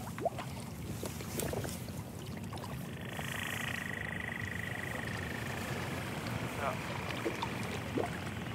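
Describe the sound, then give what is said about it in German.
Hydrophone recording of boat engines underwater in the Westfjord, a steady low droning rumble that runs the whole time, with a faint whining tone rising and holding above it partway through. “Also es gibt ja verschiedene Lärmquellen, wir haben jetzt die Boote gehört, die sind eigentlich immer da.”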